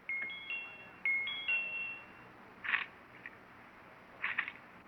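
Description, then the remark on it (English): An electronic doorbell, its button pushed with the tip of a pencil poked through cage bars, chimes twice in quick succession, each ring a bright, sustained pair of high tones, followed by a couple of short, sharp chirping bursts over a faint background hiss. “Now, let's see if I can get the tip through the bars and against the doorbell button.”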